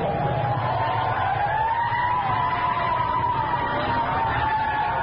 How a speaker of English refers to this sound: There comes a fire truck behind us. I gotta pull over.